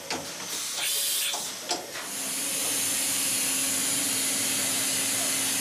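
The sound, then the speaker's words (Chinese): A five-axis CNC precision engraving machine carves the surface of an eggshell about 0.2 mm thick at 1-micron precision, running with a steady, loud high-pitched hiss and a faint low hum, after a few brief sputtering bursts at the start. No one speaks. “我们看见的是一个五轴数控机床的雕刻工艺展示，在厚度约0.2毫米的鸡蛋表面，雕刻机床正在进行1微米工艺的雕刻。”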